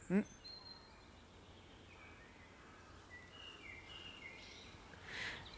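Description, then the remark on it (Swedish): Faint birds chirp sporadically outdoors, with thin high calls scattered over a quiet, steady background hiss after a brief soft thump at the start. “Jag hörde mest fågelkvitter om jag ska vara ärlig.”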